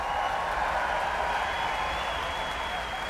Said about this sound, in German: Hier wurde es präsentiert von einem Nachwuchsorchester in der Elbphilharmonie in Hamburg. Und hierfür hat es minutenlange Standing Ovations gegeben vom Publikum und Bravo-Rufe. Sie hören es selbst.